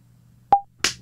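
A short percussive tap with a brief ringing tone, then about a third of a second later a single sharp hand clap with a bright, crisp burst, made by a person reacting after hearing it; the clap is not part of the beat. No one speaks.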